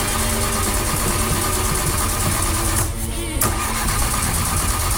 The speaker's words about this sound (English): That was us this morning trying to start the car. The good news is the car has started and we're off for the long weekend.